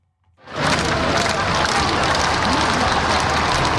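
A huge crowd of hundreds of thousands lining the Champs-Élysées in Paris, many waving Vatican or French flags, erupts into sustained cheering and applause for the Pope passing in an open popemobile, after a brief quiet start: a dense, loud wash of clapping and shouting that stays steady to the end.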